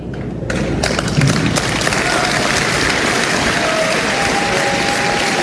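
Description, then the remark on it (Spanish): An audience breaks into applause after a brief pause, building quickly into a loud, dense wash of many hands clapping that holds steady to the end, with faint voices mixed in. “No sé si eso merece aplauso.”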